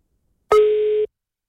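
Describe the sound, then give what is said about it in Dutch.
One steady electronic telephone ringing tone, about half a second long, sounds alone against silence, as heard by a caller waiting for the line to be picked up; the call goes to voicemail. “Ja, dan moet je hem opnemen.”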